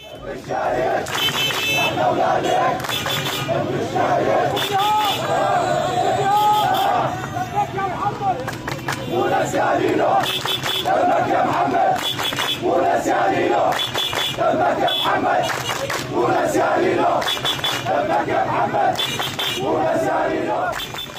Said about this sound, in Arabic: وفي أثناء مرور وقفة احتجاجية اليوم من أمام منزل أحد الشهداء في الثورة السورية، وقف المشاركون رافعين هتافات أحيت ذكرى الشهيد.